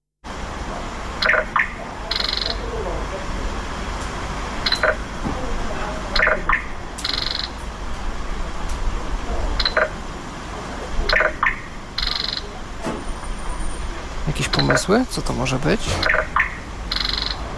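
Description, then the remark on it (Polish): An electronic location beacon signal at the entrance to a training and recreation centre building, imitating a blackbird's call, repeats every couple of seconds: short, bright chirping bursts over steady background noise, with a voice briefly speaking near the end. “Jakaś sygnalizacja miejsca. Tak, to jest sygnał To ma być odgłos kosa, rzekomo.”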